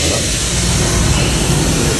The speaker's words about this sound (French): Vous avez démarré le moteur ? C'est l'audio, hein, le moteur. On a enregistré le son d'un moteur. La semaine, on n'a pas de dieseliste, donc on fait écouter l'audio pour les gens.